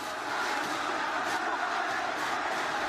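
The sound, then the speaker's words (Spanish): A steady, dense roar of a large stadium crowd, standing fans shouting and cheering on Central at the 45-minute mark of a football match, a continuous wash of many voices with no single voice standing out, holding at an even level throughout. “En un momento que además la gente de pie está gritando, está alentando.”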